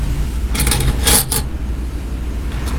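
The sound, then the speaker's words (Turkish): A fork and spoon clink against a plate during a home meal of fried chicken and omelette, in a quick cluster of bright metallic taps over a low steady background rumble. “Karpu sama sendoknya.”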